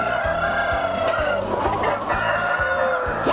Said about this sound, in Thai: ต่อไปก็ต้องมารีดน้ำเชื้อไก่พ่อพันกันล่ะครับ เวลาจับไก่ต้องจับให้ถูกนะครับ